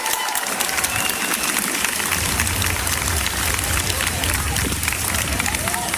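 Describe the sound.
A large outdoor crowd of around 2,000 people cheering and clapping at the start of the Christopher Street Day Pride march in Göttingen, Germany, on a Saturday, a dense wash of applause and excited voices that stays loud and steady throughout, with a low rumble building underneath partway in.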